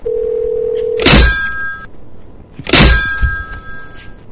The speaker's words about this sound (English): I wonder if I could wake him up with like a really loud phone slam. I don't think you can. Everyone brace yourselves.